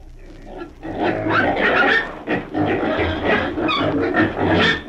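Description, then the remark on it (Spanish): A pig grunts and snorts loudly, a rough, continuous stream of guttural noises with brief pauses, with no one talking over it. “¿Y qué otra cosa espera usted de un chancho, amigo mío?”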